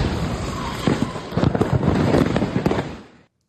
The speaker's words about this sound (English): Yeah, you hear those explosions there. The house is reduced to rubble.